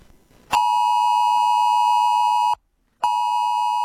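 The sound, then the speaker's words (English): A loud, piercing mobile phone emergency alert test tone, as heard on an iPhone 11 Plus or an Android 12 Plus phone, blares steadily, cuts out for about half a second, then resumes just as harsh. No voices are present. “But fear not, it is a test on Thursday, 10 a.m., this is what it's going to sound like if you have a mobile phone that is an iPhone 11 Plus or an Android with an Android 12 Plus.”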